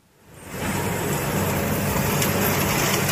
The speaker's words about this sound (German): Ein Feld an der Grenze zwischen Mecklenburg-Vorpommern und Schleswig-Holstein. Landwirt Henning Aholz hat seinen Trecker mit einer Riesenhacke ausgerüstet und fährt durch das abgeschnittene Gras. Es soll aufgelockert werden